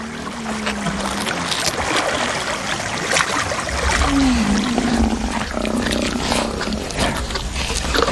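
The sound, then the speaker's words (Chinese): A lion roars and growls threateningly at Nile crocodiles over an elephant carcass, in deep, rumbling bursts that stay loud throughout, with rough snarling texture over a steady noisy background and no talking. “尽管有这么大一份食物，狮子还是不想与尼罗厄分享。这样的恐吓没什么威慑力，在水里，尼罗厄才是霸主。”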